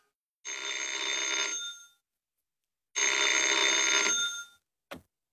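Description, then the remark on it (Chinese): A telephone bell rings twice in loud, sustained bursts about a second and a half each, separated by a short pause, followed by a brief click as the ringing stops; the call is from headquarters for the captain. “司令部，请等一等，请队长接电话。”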